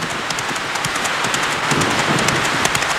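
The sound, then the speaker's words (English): Steady rain pours down on a black night as rider Billy Hamilton charges off from Sacramento with the mail, a dense, continuous hiss with scattered sharper drops pattering on a surface. No voices, just the even wash of the downpour throughout. “The first real rider from the West was Billy Hamilton, who received the mail from James Randall in Sacramento and charged off into the black, rainy night.”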